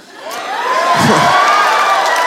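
A live audience breaks into loud cheering and whooping, swelling quickly and holding steady, a dense wash of many voices with clapping mixed in and no one speaking over it.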